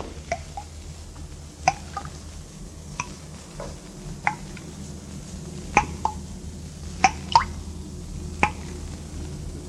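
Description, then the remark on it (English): Water drips steadily in an echoing stone chamber, a dozen or so irregular plinks over a low ambient rumble, some drops louder than others, with no voices. “The place is empty. Not a sound but the dripping water.”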